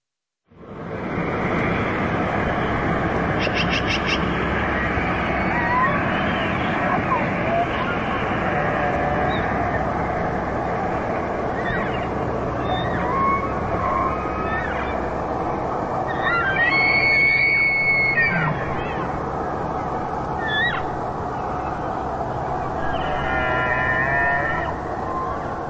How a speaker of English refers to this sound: The sounds of elk vocalizations during their fall migration.